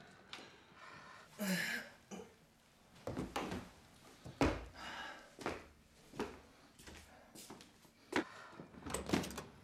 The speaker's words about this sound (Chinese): 谁呀？我开门。